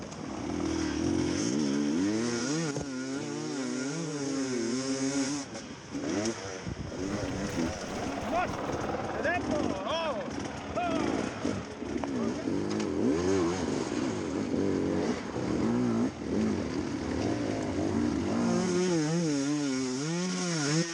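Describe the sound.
A motorcycle engine revs repeatedly on a race track, its loud buzzing pitch surging up and falling back in waves over a steady mechanical drone, with voices faintly mixed in.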